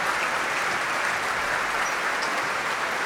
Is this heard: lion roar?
no